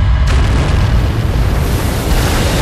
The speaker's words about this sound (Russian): И все-таки одна бомба достигла цели. Взрыв уничтожил зенитку вместе с расчетом.